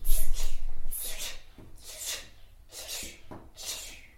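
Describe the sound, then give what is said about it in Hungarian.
During a speech lesson with lip and tongue exercises, a child imitates a dripping tap with a series of about five breathy, hissing bursts, each short and spaced roughly a second apart in a slow, steady rhythm. “Csöpögős csap.”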